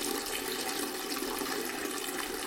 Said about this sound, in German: Also ihre Spülung faucht dir, als würde das Ding gleich überkochen.